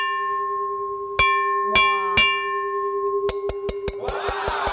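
An uncoated titanium (not stainless steel) rice cooker inner pot rings with a sustained bell-like metallic tone, struck three times at spaced intervals, then tapped in a quick run of about eight hits ending with a rattling scrape, tapped to let viewers hear it.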